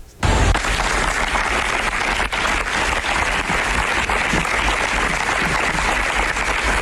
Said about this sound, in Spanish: quien justamente la Universidad de Granada también expresó su repudio y condena, rindió un minuto de silencio y aplausos en memoria de Claudia y exigió justicia.